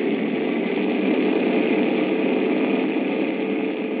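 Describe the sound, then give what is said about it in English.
A steady, unbroken drone of a hit bomber's engines running on emergency power on engines 1 and 2 fills the whole stretch, a loud, dense rumbling roar with no voices or changes in pitch. “Emergency power on 1 and 2.”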